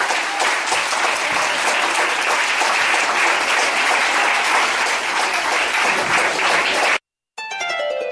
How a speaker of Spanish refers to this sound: Y la iglesia del Señor dice: denle fuerte, pero fuerte aplauso al Señor en esta hora.